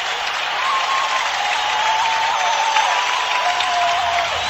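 A hockey crowd roars and cheers after a Red Wings power-play goal by Greg Johnson ties the game 4-4 against the Sharks, a loud, steady wall of applause and shouting that holds for several seconds, with faint whistle-like tones riding on top.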